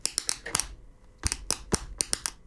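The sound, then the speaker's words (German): A pen taps out a quick rhythm on a tabletop, crisp clicks in two short bursts separated by a brief pause, with no voices. “Beim nächsten Song könnte ich mir vorstellen, der Komponist, der hatte einfach nur auch einen Tisch und einen Stift und hat...”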